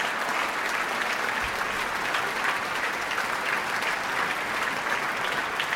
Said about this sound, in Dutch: Nou, als ik er zo tussendoor gluur, dan zie ik wel dat er diverse open doekjes worden gehaald door de solisten natuurlijk. Maar ook de leden van Amsterdam Sinfonietta delen in het applaus.